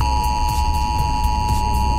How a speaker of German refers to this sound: Millionen Handys haben allein in Baden-Württemberg gleichzeitig heute Alarm geschlagen.